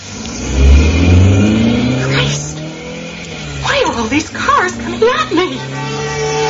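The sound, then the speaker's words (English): An Alfa Romeo car engine revs up loudly and pulls away, its pitch climbing as it accelerates, with indistinct voices talking over the engine noise in the second half. “I can drive. I always feel secure in the Alfa Romeo.”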